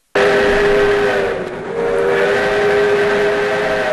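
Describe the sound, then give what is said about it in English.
The loud, sustained whistle of the Skunk Train's Pumpkin Express in Willits blows with steady harmonic tones, dipping briefly before resuming, over the low rumble of the rolling train. “Ride the train to Crawley on select days this October to pick your own pumpkin”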